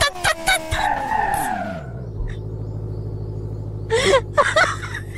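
A car skids and spins out, its engine whine sliding sharply down in pitch, then settling into a steady low rumble broken by a couple of short rough bursts near the end.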